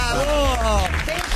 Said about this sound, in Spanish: Señoras, señores, fuerte el aplauso